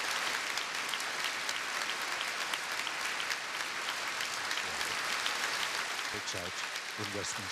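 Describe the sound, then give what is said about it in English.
Sustained spontaneous applause, started outside and picked up inside Westminster Abbey after a tribute from Charles Earl Spencer; a dense and steady clatter of many hands clapping, with a few voices rising faintly beneath it toward the end. “And spontaneous applause breaks out in Westminster Abbey.”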